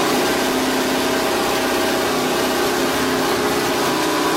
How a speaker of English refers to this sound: That is a recording of Bruce McLaren's Can-Am.